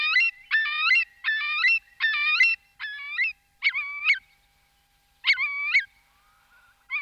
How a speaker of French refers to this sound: Voilà, un oiseau beaucoup plus intéressant sans doute, c'est le courlis. Le courlis cendré, c'est un limicole, c'est-à-dire un oiseau qui vit dans la vase, sur le bord, au bord des étangs, qui mange des bestioles dans la vase.